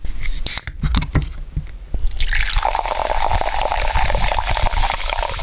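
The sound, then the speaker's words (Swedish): Liquid sounds: a few sharp clicks and gulping sips, then a steady hissing pour of ice-cold fizzy sparkling water with bubbles crackling throughout. No one speaks. “Några klunkar iskallt kolsyrat vatten.”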